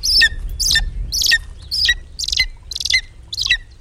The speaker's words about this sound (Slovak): zrejme nemusím zdôrazňovať, že sa volá orol krikľavý. Nie, že by hýril farbami, za to krik mu je blízky.